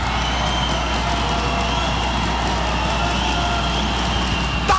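A football crowd roars and cheers in a loud, steady wall of noise that holds throughout, with no clear individual voices standing out and a faint low hum underneath, reacting after the goalkeeper makes two saves against a shot from Esporte.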